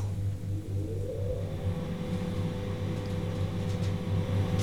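A steady low mechanical hum and airy whir from an elevator's ventilation fan, switched on while the elevator rides up, with a faint tone that rises early on and then holds level. No one speaks.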